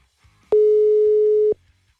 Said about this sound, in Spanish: Transferida. Y se cobrará al terminar los tonos siguientes.